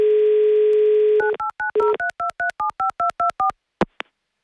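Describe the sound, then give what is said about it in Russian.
During a radio show calling a listener in Moscow Oblast, a steady telephone tone hums for about a second, then gives way to a quick, even run of about eleven keypad dialing beeps, ending with two sharp clicks. No one speaks. “Так, тихо. Пока гудок.”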